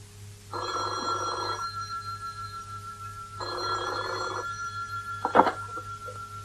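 A telephone rings twice in long buzzing bursts separated by a pause, steady, followed by a brief clatter as if the receiver is picked up.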